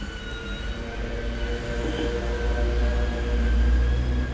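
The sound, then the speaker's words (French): A faint, steady emergency siren wails over a heavy low rumble of passing street traffic on rue de Bussy, holding a sustained high tone throughout with no voices. “On entend une sirène. On ne voit pas encore ce que c'est.”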